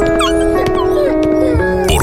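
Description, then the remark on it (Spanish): A dog whimpers and barks, its high whines rising and falling over a steady, sustained tonal background, with a sharper cry near the end. “Miles de perros y gatos se han quedado en el abandono.”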